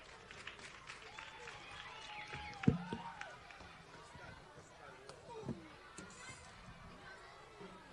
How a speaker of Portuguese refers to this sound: Uma forte salva de palmas.